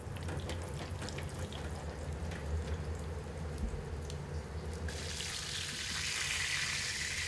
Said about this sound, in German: Die heiße Pfanne wartet schon mit ausreichend Öl. In dem darf das Cordon Bleu jetzt brutzeln. Vorsichtig wenden, damit die Kruste rundum goldbraun wird.